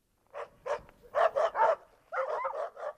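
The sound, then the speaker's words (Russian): Several dogs, about two dozen, bark in a quick, excited series of sharp yaps, with a few higher yelps mixed in, loud, with no talking, as they surround a black mongrel by a muddy bridge in front of Shiryaev's tavern. “Гляди, Илья, собаки!”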